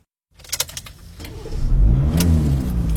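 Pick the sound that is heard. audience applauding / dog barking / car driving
car driving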